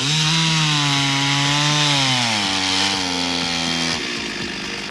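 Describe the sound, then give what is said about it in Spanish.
A chainsaw roars steadily while cutting up a large fallen tree on Circunvalación Sur in Valdivia, in front of a supermarket, its engine pitch dropping as the blade bites into the wood, loud with no talking. “No, a esta hora de la tarde en Circunvalación Sur, frente al supermercado El Trébol, donde cayó un árbol de importante envergadura, está trabajando una motosierra.”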